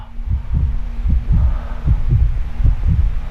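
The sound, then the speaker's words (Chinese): A deep, heartbeat-like throb pulses steadily, about two beats a second, with paired low thumps over a faint constant hum. Loud, no voices. “玻璃那些尖锐的噪音，去听那背景里边的脉动，这就是地球最原始的心跳啊！”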